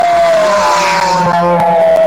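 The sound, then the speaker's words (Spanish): A rally car roars past at high speed on its third special stage in the municipality of Saipina, as temperatures cool after rain that day, its loud, high-revving engine whine holding steady before dropping in pitch as it goes by, with no one talking. “Coche a la vista, Delgadillo.”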